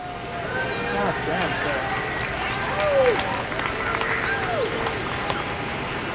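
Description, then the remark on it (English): An outdoor crowd of people from surrounding offices cheers steadily on a brilliantly sunny morning as an elk is lifted into the air, with scattered clapping and a few rising whoops and shouts over a constant wash of excited voices, moderately loud throughout. “When the elk finally takes to the air, there's obvious excitement in the crowd.”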